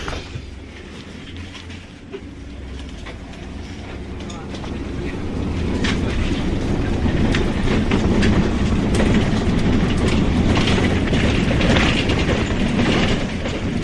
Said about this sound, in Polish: I wsiadamy do autobusu. Jeszcze chwilę na przystanku i odjeżdżamy.